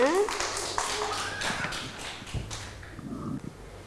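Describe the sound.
A group of children claps for a classmate in a loose, uneven patter of moderate claps that trail off toward the end, with faint voices underneath.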